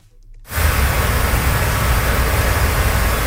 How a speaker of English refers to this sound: Motorists drive over a flooded road on southern Cape Breton. Several parts of the island have been battered by heavy rains and high winds.